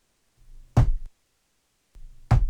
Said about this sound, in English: Two raps meant doubtful. An answer the spirits seem to resort to often when presented with a new guest or a new action.